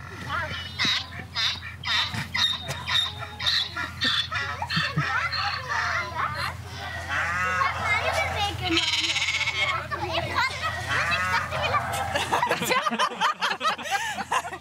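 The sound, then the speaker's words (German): A busy jumble of farm animal calls: donkey brays, rooster crows, sheep bleats and cow moos overlapping one after another, loud and nearly continuous, played as an audio clue on a puzzle trail where the order of the animals gives the code for a lock. “Der Code für Schloss ist Eselhahn, Schafkuh, was auch immer das heißt.”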